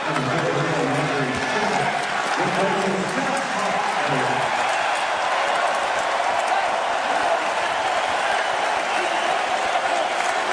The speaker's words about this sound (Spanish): Le aplauden los fanáticos a Josh Hart.